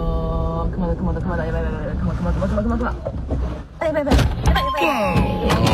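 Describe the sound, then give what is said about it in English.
A mother bear with a cub aggressively attacks a car, making a series of heavy, hollow thuds and bangs on the metal body, clustered in the last seconds, while people's voices rise and exclaim over the impacts. “Aggressively attacking the car.”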